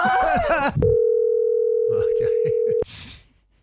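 A telephone line tone on a call to a colleague from work: one steady, unbroken mid-pitched electronic hum lasting about two seconds, with a voice talking just before it and murmuring briefly underneath.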